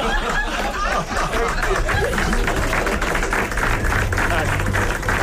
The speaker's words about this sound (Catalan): Què collons aplaudiu, així? Jo crec que és d'alliberament una mica, també. No es pot aplaudir ni la samarreta del Barça ni un nen sequestrat.